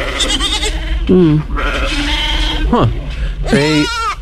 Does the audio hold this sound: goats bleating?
yes